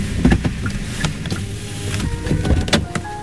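Steady engine rumble from inside a delivery truck driving at 11 p.m. through narrow alleys in Incheon City, west of Seoul, South Korea, with faint rattles and mechanical whirring, heard from the passenger seat with no talking.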